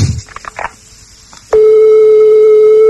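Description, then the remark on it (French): A telephone ringing tone on a call placed to the United States, at the fourth ring: after a second and a half of faint clicks and rustle, one loud, steady mid-pitched tone begins abruptly and holds unbroken until the end. “Alors, quatrième sonnerie.”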